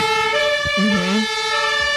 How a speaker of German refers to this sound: Wie man Martinshorn in so einem Feuerwehrauto startet, das weiß Lars jetzt schon mal